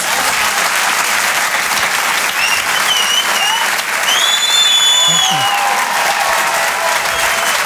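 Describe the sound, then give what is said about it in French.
An audience at the Grand Point Virgule applauds Maxime Gasteuil steadily and loudly throughout, live on Rire et Chansons, a dense wash of clapping with a few high whistles and cheers rising over it midway. “On peut l'applaudir très fort, Maxime Gasteuil, sur les chansons en direct depuis le Grand Point Virgule.”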